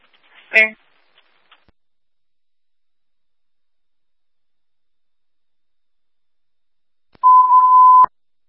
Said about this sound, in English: Code 1 panic alarm.